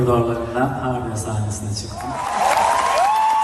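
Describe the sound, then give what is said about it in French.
A man's voice speaks over a concert audience in Istanbul, then a broad wash of audience applause and cheering swells up, with shrill whistles rising above the noise toward the end. “Malgré les applaudissements du public, nombreux sont les spectateurs qui n'osent pas le soutenir ouvertement en critiquant une procédure judiciaire et qui s'auto-censurent.”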